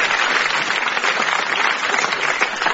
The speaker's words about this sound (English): Welcome a round of applause